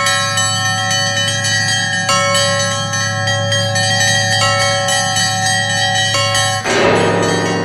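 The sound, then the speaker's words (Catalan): Iron bars from a boilermaker's workshop, built into a 'pocket belfry', ring like bells: metallic tones sustain and overlap, with repeated strikes layering bright, shimmering partials over a low hum; near the end a fresh strike brings a denser, clanging wash. “Una troballa casual d'uns ferros que sonaven com campanes a una caldereria va desembocar en la construcció del seu campanar de butxaca, amb el qual ofereix concerts a Madrid, a la Bienal d'Art de París i a tota Europa, i també a Ontinyent”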